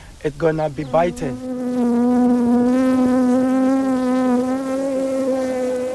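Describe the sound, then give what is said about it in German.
Bees buzz steadily and loudly around a beehive, a continuous droning hum that settles in after a few brief, fluttering buzzes at the start. “Sie erkennen den Geruch und wissen, dass dort Bienen sind.”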